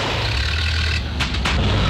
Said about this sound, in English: Now his car sounds like a coffee grinder on strike.